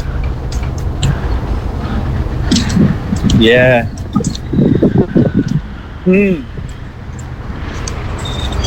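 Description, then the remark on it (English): A bus rumbles by on a city street, a steady low roar filling the scene, with a few short bursts of voices over the traffic noise. “There's the bus. You can't catch it.”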